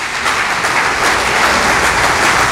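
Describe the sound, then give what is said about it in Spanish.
A crowd applauds steadily when a preacher calls for applause for the owner of the gifts given by God through the Holy Spirit. It is a dense, continuous wash of many hands clapping at an even loudness, with no voices standing out. “Esos aplausos es para despertarlos, pastor.”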